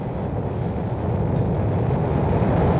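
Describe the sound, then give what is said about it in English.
A deep, continuous roar of rocket engines at liftoff at 9:34 a.m. Eastern Daylight Time, all engines running, loud and steady with heavy low rumble throughout and no voices. “All engines running. Launch commit. Liftoff.”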